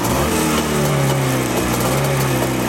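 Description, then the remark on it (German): A vintage motorcycle engine, just started after opening the fuel tap and flooding the carburettor, runs steadily and loudly, a low throbbing idle with strong harmonic buzz and a slight rise in revs, with no voices over it. “Dann dürfte er eigentlich laufen. Boah. Da ist er da. Wunderbar.”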